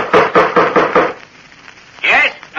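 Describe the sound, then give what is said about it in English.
An old bronze door knocker on the front door of an ancient house bangs loudly about five times in a quick, steady rhythm, followed by a short pause and a brief voice calling out. “2 moments later, they banged the old bronze knocker on the front door of the ancient house.”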